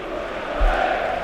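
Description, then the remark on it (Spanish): A mass of Rayo football supporters lets out the 'grito del Rayo', a loud, sustained collective shout, a dense roar of many voices that holds steady for just over a second with no clear individual words. “Y ahí está el grito.”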